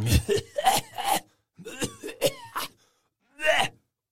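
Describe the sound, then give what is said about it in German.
A violent coughing fit from a customer who breathed in a smoker's exhaled smoke: harsh, loud coughs in rapid clusters with strained, gasping breaths between, a short pause, then one final hacking cough. No one speaks. “Des Kunden gieriger Atemzug nach Luft kollidierte mit dem lässigen Qualmausstoß des Rauchers, was in einem heftigen Hustenanfall von ersterem resultierte.”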